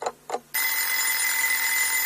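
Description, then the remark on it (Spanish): An alarm clock gives two short bursts, then breaks into a loud, continuous bright ringing that holds steady until the end, with no voices. “Hay sonidos que nos despiertan.”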